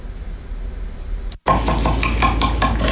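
Sounds of a dinner being cooked: a low steady hiss like sizzling, then after a brief break, brighter busy clatter of stirring and clinking utensils against pans over the ongoing sizzle. No one speaks.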